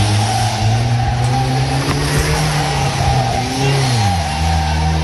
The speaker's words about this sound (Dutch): Hij ging er dus vandoor in zijn zwaar beschadigde auto.